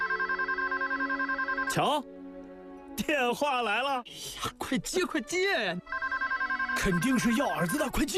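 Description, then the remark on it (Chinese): A telephone rings with a loud, steady electronic trill, a call from a wood ear buyer, falls silent while people talk excitedly, then starts ringing again near the end. “瞧，电话来了。”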